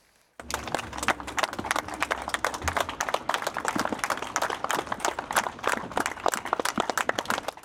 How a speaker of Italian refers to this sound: Lunghi applausi dei compaesani di Francesco Guccini hanno accompagnato l'uscita del ferry.